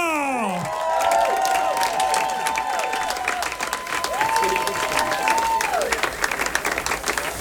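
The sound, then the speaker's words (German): A large audience bursts into sustained applause welcoming a female performer, dense clapping filling the whole stretch, with loud whistles and cheering voices rising above it. “Liebe Damen und Herren, begrüßt jetzt mit mir, gebt einen Applaus, gebt alles für die Frau, die in ihrem Leben auch schon alles gegeben hat.”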